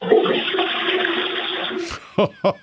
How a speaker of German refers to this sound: Ihr habt ja voll die laute Klospülung.